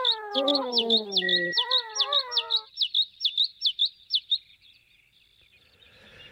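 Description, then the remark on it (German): A bird call repeats as a steady series of about a dozen sharp, high chirps, close and clear, with lower warbling notes overlapping at first before the calls stop and fade to quiet. “Das war der Vogel der Woche von Radio Korax aus Halle.”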